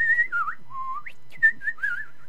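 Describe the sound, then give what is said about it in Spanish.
Someone whistles a short, wavering tune alone, the pitch gliding up and down through several connected notes, clear, with no talking. “chiflando ellos solos, ¿verdad?”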